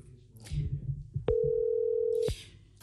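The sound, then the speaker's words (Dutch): A single steady telephone tone as a phone call is placed to start a telephone conversation, a flat mid-pitched hum lasting about a second, starts and stops with soft clicks after a stretch of low, muffled rumbling. “Dan is het tijd voor ons telefonisch gesprek.”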